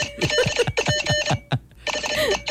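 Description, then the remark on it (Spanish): Rapid electronic beeping and chirping in quick, uneven bursts of Morse code, loud with no voices, broken by a brief pause before resuming. “Lo que pasa es que es código Morse, eso demora.”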